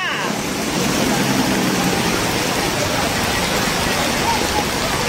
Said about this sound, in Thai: ท่านผู้ชมฝนตกหนักสมุทรสาครท่วมขังบริเวณถนนเจษฎาวิถีที่เมืองสมุทรสาครหรือมหาชัย